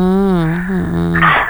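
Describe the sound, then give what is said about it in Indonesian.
A loud sneeze: a drawn-out voiced build-up, then a sharp, breathy burst at the end. It happens once, with no talking around it. “Mulai wahing-wahing dah.”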